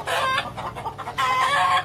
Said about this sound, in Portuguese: E o barulho desse carro assustou os porcos da casa da Sofia. E os porcos começaram a grunhir. E as galinhas a cacarejarem.